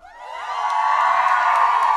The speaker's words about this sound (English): And we're live at Trinity Nightclub. We are downtown in Pioneer Square. Listen to this crowd, by the way.